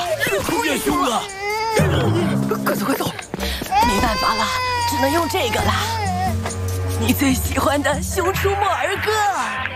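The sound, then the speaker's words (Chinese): A baby grandson cries loudly in wavering, high-pitched wails that continue throughout, while adult voices, including his grandmother soothing him, talk over the crying. “都是你们两个把我孙子给弄哭了。”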